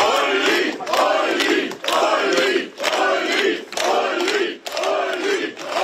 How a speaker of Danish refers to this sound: da partiets spidskandidat Ulrich Siegmund stemte tidligere i dag, blev han mødt af klapsalver.